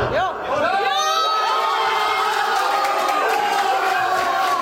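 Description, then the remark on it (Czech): Fans in a pub, the family club U Cmolů in Dolní Němčí, Slovácko, erupt early in the morning in loud, sustained cheering for Krejčí's headed goal putting the team ahead, many overlapping voices whooping and shouting together for several seconds without letting up. “Nejdříve po Krejčího vedoucím gólu hlavou vytryskl na Slovácku velikánský gejzír radosti.”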